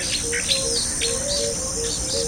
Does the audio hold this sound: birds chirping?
yes